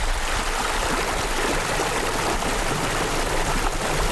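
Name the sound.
river water flowing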